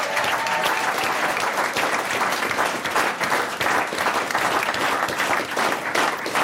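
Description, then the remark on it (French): Sustained, loud applause from an audience, a dense wash of many hands clapping steadily for several seconds without a break. “On a eu beaucoup de plaisir à organiser ça avec lui et je pense qu'on peut l'applaudir oui, bien fort.”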